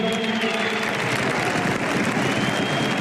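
Steady, loud applause from a large stadium crowd encouraging Robert Lewandowski when he cannot go on with his farewell speech, a dense continuous wash of clapping that holds evenly for a few seconds, with a faint tonal hum running underneath.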